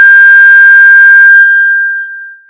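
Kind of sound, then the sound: signal or alarm, mobile phone ringing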